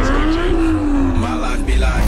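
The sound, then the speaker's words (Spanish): A car engine revs loudly, its pitch climbing then easing back over a couple of seconds, with a steady low rumble underneath and no talking. “Hay motores que se escuchan.”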